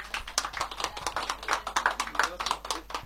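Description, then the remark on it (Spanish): An audience claps steadily, many overlapping sharp hand claps forming a dense, irregular patter at moderate volume without a pause, applauding the winners of a contest at a Radio Zorrilla prize ceremony. “Fuerte el aplauso entonces. Vamos a darle un aplauso.”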